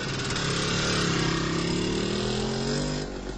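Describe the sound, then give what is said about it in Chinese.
Feng Chao rides away on a motorcycle, its engine revving and accelerating, pitch climbing steadily, loud, then the sound drops off abruptly near the end as the bike pulls away. No one speaks. “冯超骑着摩托车走了。”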